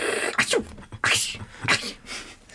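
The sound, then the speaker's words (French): A voice imitates a vulture sneezing with three or four quick, breathy, hissing bursts in a row, fairly loud, with no speech around them. “C'est un vautour qui éternue. Oui, parce qu'en fait, ça éternue pour de vrai.”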